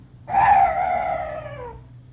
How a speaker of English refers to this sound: Thank heaven it's gone. That's strange. That bird was the only noise I've heard in this place. No other night noises at all.